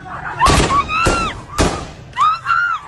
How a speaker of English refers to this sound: The violence used by the Taliban to break up the protest is evident in videos that have emerged from Herat. Live fire is used to disperse the crowd, and people are seen being hit with rifles and long white sticks.